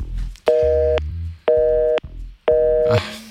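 A telephone busy signal after a caller's call dropped during a Radio Študent call-in: three steady tone bursts, each about half a second long, separated by equal gaps, with faint low background noise underneath.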